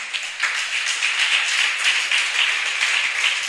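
An audience applauds for Jesus during a sermon, a steady, dense wash of many hands clapping at an even, sustained volume with no voices on top.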